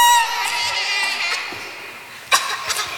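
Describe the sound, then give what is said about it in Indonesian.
A noisy crowd of voices shouts and cheers in a dense, continuous din that gradually thins out, broken by a sharp bang near the end. “Mumu menerobos ke kerumunan.”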